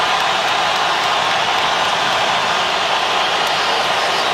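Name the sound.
stadium crowd applause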